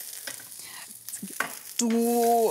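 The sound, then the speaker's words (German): Zucchini sizzle steadily in a hot pan as a utensil clicks and taps while turning them, ending in a loud, sustained squeaky scrape against the pan. No one speaks. “Ich drehe einmal schnell die Zucchinis noch um.”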